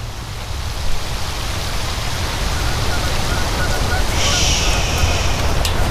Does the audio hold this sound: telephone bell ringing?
no